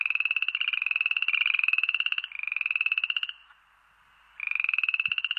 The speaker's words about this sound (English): Yes, I am talking about amphibians, about frogs.